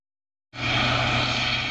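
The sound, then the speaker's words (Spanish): A Guardia Civil helicopter roars loudly overhead at night over El Rompido, Huelva, while following two boats linked to drug trafficking. Its steady engine whine is layered over a rapid, rhythmic rotor thump that cuts in abruptly after a moment of silence and holds constant. “Un helicóptero de la Guardia Civil seguía 2 embarcaciones relacionadas con el narcotráfico.”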